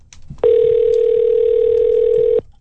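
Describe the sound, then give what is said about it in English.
A single steady electronic phone tone sounds for about two seconds, clear, like a call ringing on the line, as the Eagle 93.5 radio station calls a contest winner, with quiet background before and after it. “I'm going to see if I can get her on the phone here.”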